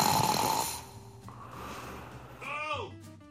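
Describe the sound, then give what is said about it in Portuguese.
Loud snoring from a sleeping man: a harsh rattling inhale and a rough, breathy exhale, ending in a short throaty snort with a voiced, groaning edge. “Pare com esse ronco, por favor.”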